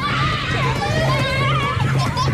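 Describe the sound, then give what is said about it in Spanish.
Children shout and play outdoors in a park in summer, their high voices overlapping in a busy, continuous chatter of calls and squeals, with a steady background hum of crowd noise. “Ahora están escuchando el mismo parque en verano, lleno de niños gritando y tocando los huevos.”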